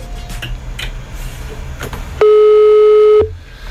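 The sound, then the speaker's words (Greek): A single loud, steady electronic ringing tone lasting about a second, a phone line ringing again during a call, rising out of quiet background noise with faint clicks. “Ξαναχτυπάει. Ξαναχτυπάει.”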